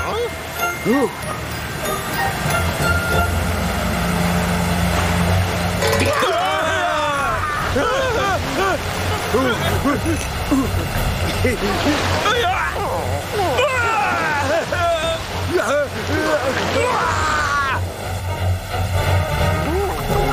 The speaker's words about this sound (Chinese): 就快到了，你看，那就是大水龙头瀑布。